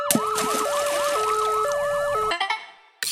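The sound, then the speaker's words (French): A loud ambulance siren alternates between two tones, with a rapid warbling wail layered on top, then cuts off abruptly after about two seconds, followed by a short clatter and silence. “Pourquoi les ambulanciers ont une baignoire sur le toit? Je ne sais toujours pas. Pour la sirène.”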